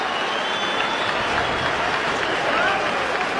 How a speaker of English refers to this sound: The ovation you hear is that Kyle Freeland has just become the all-time franchise leader for innings pitched